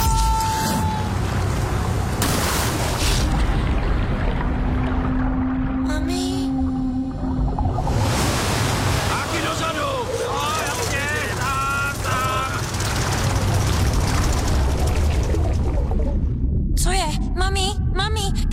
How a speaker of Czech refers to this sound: Až nebude slyšet hluk motoru, pak se můžeš nadechnout.